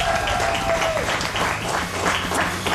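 Steady, dense applause from a group fills the whole stretch, many hands clapping at once at an even, fairly loud level, with a brief thin whistle-like tone near the start.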